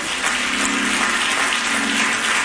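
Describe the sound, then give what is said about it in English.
An audience, standing at the end of a sermon, claps their hands in a steady, dense wash of applause, many overlapping claps blending into a continuous roar, with a faint low hum underneath and no voices. “If you enjoyed the word of God today, clap your hands.”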